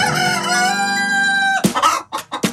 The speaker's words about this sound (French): Déjà un très joli cri, comme d'habitude. Et j'adore, mais moi j'adore ce bruit, surtout le coq le matin.